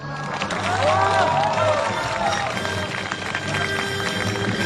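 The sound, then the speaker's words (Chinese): Studio audience applause welcoming a music duo onto the Chinese interview show 小赵说事儿 (Xiao Zhao Shuo Shi'er): dense, steady clapping that stays loud for several seconds, with music and a few cheering tones underneath. “我们闲话少说，让我们掌声有请这对音乐组合。”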